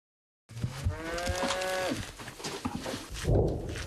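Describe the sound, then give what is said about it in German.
A cow moos with a long, drawn-out low call, followed by more lowing and rustling; a second deep moo comes near the end, clear, with no talking. The cows are roaming near a military position, in an area where mines lie. “In der Nähe unserer Stellung laufen Kühe herum.”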